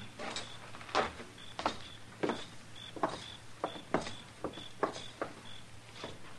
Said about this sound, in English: All right. Come on, we'll walk right in the front door.